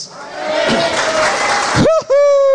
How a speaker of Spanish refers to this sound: Un grito de júbilo.